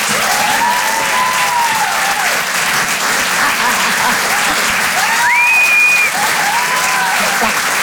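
A comedy club audience at the Apollo Théâtre applauds steadily and loudly to welcome comedian Karine Dubernet, with scattered whoops and cheers rising above the dense clapping, including a rising whistle-like shout near the end.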